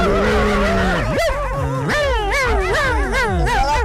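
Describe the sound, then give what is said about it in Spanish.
A loud dog vocalizes continuously for a few seconds, with high, whiny yelps and barks that slide up and down in pitch, heard alone without talking. “¿quieres su beso de perro? Ay, pescado, no me digas, perrito, no.”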